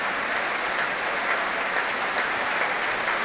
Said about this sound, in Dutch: Nu ook applaus voor trombonist Jurgen van Rijen.